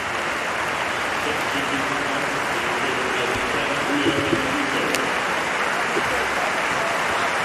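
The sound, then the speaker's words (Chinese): Ipswich home fans at a football match applaud Enciso steadily as he is substituted after 70 minutes, a dense wash of clapping with a murmur of voices underneath, holding at a constant loud level for the whole stretch. “虽然踢了70分钟体力不支啊，但是凭借今天的表现，恩西索博得了伊普斯维奇主场全体球迷的掌声，大家用热烈的掌声欢迎他来到伊普斯维奇俱乐部”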